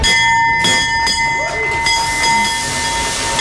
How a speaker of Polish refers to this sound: Po 10 latach na giełdzie papierów wartościowych pojawił się nowy dzwon otwierający sesję notowań.